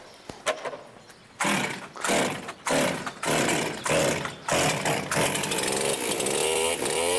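A chainsaw sputters through a couple of quick pull-start pops, then roars to life after its air filter was cleaned and runs loudly, its engine revving in repeated surges with no talking.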